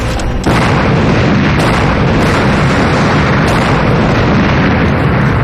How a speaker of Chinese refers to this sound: 码头 炸了，他成功了。